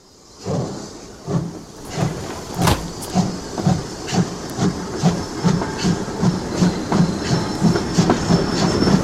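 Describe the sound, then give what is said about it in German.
A train rolls through a railway station with a steady hiss, its wheels or engine pulsing in a regular, quick rhythm that grows slightly louder, with no voices. “Wir gehen zum Bahnhof.”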